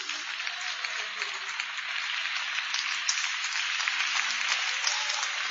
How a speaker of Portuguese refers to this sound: Mais aplausos para o Senhor Jesus.